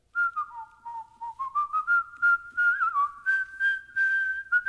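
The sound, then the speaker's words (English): A person whistles the tune Dixie alone, the clear pure tone sliding and stepping between notes in short phrases, sounding steady for several seconds. “What is Whistling Dixie?”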